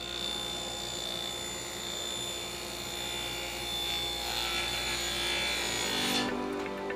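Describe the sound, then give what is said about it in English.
Circular saws cutting plywood and 2x4s into furniture in a carpenters' wood shop in a St. Vincent de Paul thrift store in Fort Wayne, Indiana: a loud, steady, high-pitched whine with a gritty edge that runs unbroken, then its upper tones drop away near the end. No one speaks. “The hum of circular saws gives life to this wood shop, housed in a corner of a St.”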